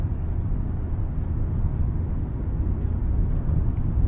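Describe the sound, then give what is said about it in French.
Steady, low road rumble of a car driving on a country road, heard from inside the vehicle, with a constant engine and tyre drone and no voices or other distinct sounds throughout. “On est en voiture.”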